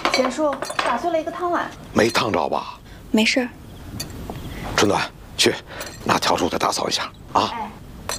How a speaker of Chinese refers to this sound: 打碎了一个汤碗。 没烫着吧？ 没事。